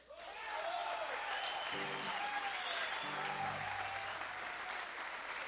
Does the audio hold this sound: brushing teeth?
no